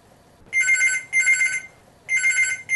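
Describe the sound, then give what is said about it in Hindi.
A telephone rings with an incoming caller's call to the programme Hello Gorband, three bright trilling bursts at a steady rhythm, loud with no voices over it. “अबे आवे वो फोन देखा कीरो आवे करा बात।”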